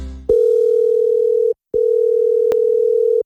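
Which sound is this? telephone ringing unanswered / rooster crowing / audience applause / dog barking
telephone ringing unanswered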